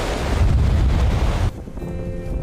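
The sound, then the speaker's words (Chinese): Sea waves wash over a pebble beach on the northwest side of Mayi Island (Ant Island), covering a small path, with a broad, roaring rush for about a second and a half, then pull back into a quieter hiss and trickle, with steady wind across the microphone. “当然这条小路现在已经被两侧的海浪给掩盖住了哈，白白的浪花让大海变得特别温柔。”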